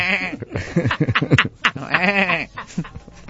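A goat or sheep bleats several times in a row, wavering, nasal cries that rise and fall, loud and close, with short gaps between calls and no talking.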